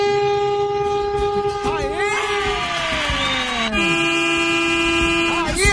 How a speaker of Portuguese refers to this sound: dá aquela buzinadinha boa, vai.